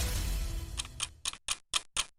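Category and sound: household object, clock ticking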